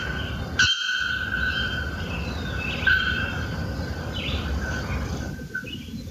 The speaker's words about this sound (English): Another bellbird, the bare-throated bellbird. This is the bare-throated bellbird's call.